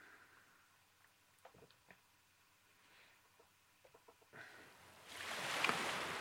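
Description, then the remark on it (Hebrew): Near-quiet stretch of scattered soft knocks and clicks, then a broad rushing wash of sea waves swells in and grows loud toward the end, played as background for a guided sound meditation. “נשים לנו קצת הגלים של הים.”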